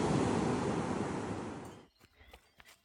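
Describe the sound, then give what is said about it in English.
A loud wash of ocean waves breaking on the beach at Santa Monica, a broad roaring surge that fades out, followed by quieter scattered splashes and fizzing foam. “Yeah, now best part of running on the beach, I get to cool off in the ocean.”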